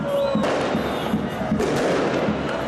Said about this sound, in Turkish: Süper Lig'in 6. haftasında Ahmet sportif faaliyetlerinin Beşiktaş'ı 3-2 mağlup etmesinin ardından taraftarlar Şırnak'ın Cizre ilçe merkezinde havai fişekli kutlama yaptı.